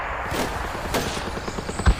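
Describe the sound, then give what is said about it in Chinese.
Scattered gunfire: a few sharp, irregular shots crack over a low rumbling background, with the last one landing as a heavier, louder thump. No one speaks. “听枪声，看来子明已经成功的把日本人吸引到他周围了，小林武艺彻底上当了。”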